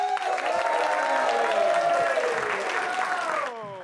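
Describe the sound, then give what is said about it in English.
A large comedy show audience claps loudly and continuously, a dense wash of applause with sustained vocal cheering on top, easing off slightly in the final half second, as the comedian Hauke von Gerns is introduced. “A big round of applause.”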